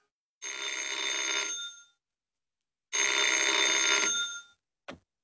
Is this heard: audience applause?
no